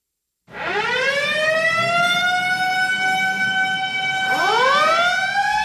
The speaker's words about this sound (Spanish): Nada toma tu atención cuando escuchas el sonido de una sirena, pero dos cosas son ciertas, que alguien necesita ayuda y alguien está apresurado para brindarlo.